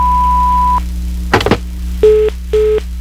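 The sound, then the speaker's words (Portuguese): A steady, high-pitched answering machine beep holds for under a second, then a sharp clunk, followed by a lower tone pulsing on and off in a repeating busy-signal rhythm. “Oi, eu não posso atender agora, mas deixa o seu recado depois do bip.”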